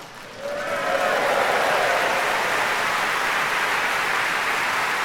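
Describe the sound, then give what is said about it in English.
Applause from a large audience at the Proms concert swells within the first second into a dense, steady wash of clapping that holds loud and even to the end. “Great applause by the promos.”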